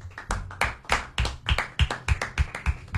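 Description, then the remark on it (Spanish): Soft, steady clapping, about ten even claps in quick rhythm, quiet and gentle like hushed applause, with no voices. “Un aplauso así bajito para Romina.”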